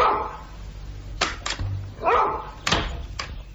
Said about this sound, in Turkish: İşte köpek. Karyolanın ayağına bağlı.